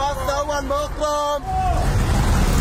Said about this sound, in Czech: Na sobě nemají jediný nápis. Takhle řidiči vykřikují své destinace a potenciální cestující tak má zrak uvolněný k hlídání, aby ho nepřejelo auto nebo osel a k vyhledání spoje mu tak stačí jen dobře nastražené uši.